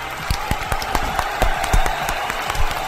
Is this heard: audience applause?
yes